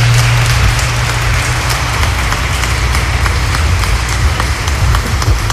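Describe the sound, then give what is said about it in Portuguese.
Steady, loud applause from a crowd for the diocesan choir one morning, a dense patter of many hands clapping at once that holds throughout without fading, with a low hum underneath and no voices. “ao coral diocesano, nossa salva de palmas, nosso muito obrigado nesta manhã.”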